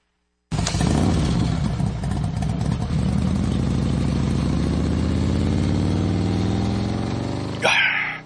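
A motorcycle engine starts loud and close, revving and rising steadily in pitch as it pulls away, with a brief noisy burst just before it cuts off.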